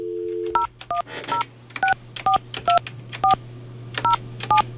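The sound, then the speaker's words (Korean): A dial tone cuts off, then a rapid series of about ten touch-tone beeps is keyed in, each a short two-pitch chirp at an uneven pace, clear over a low steady hum, as a landline call from Far East Broadcasting radio is redialed to a listener. “전화 다시 한번 네, 다시 해볼게요.”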